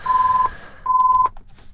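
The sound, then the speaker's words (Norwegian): A telephone rings during a bingo game with two short electronic tone bursts, each about half a second long and separated by a brief pause, heard clearly with no one talking. “Og der ringer det min santen.”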